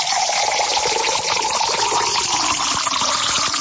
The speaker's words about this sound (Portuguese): vamos comemorar agora com aquela aguinha da boa, aguinha da fonte, vamos lá? Vamos beber uma água aqui, ó. Opa! Essa aqui vem direto da fonte mesmo, né? Tá fresquinha essa água, mais um copo? Claro!